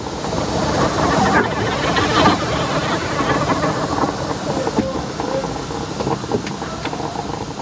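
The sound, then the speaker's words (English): A steam locomotive running on rails, a steady, fairly loud rumble with rattling, clattering mechanical noise that carries on without a break for several seconds. “or locomotives as they were called, had iron openings into which you fed spoonfuls of wood and coal, building fire that could melt ice into blood, or boil village cauldron, heat rising till the seams of the loco hissed and spat with escaping steam.”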